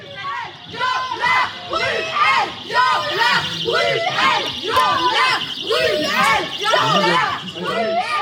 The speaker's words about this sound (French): voilà les cris de ces militantes, trois militantes qui s'étaient infiltrées en quelque sorte, avaient, semble-t-il, pris des billets. Et au milieu de la pièce, elles se sont donc levées, criées.